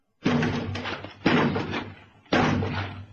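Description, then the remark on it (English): A door is battered three times at roughly one-second intervals by people outside trying to force it open, each heavy, booming blow loud, ringing out and fading before the next strike lands. No voices are heard. “That door won't hold long.”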